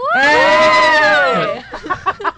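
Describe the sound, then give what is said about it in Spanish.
A person lets out one loud, sustained scream, its pitch swelling slightly and then sliding down after about a second and a half, followed by short, choppy vocal bursts. “Tu grito estuvo maravilloso.”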